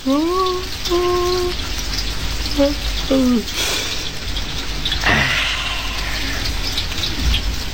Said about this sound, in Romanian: Și ploaia asta trage